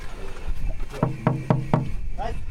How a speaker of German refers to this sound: Müssen wir vielleicht mal hier klopfen?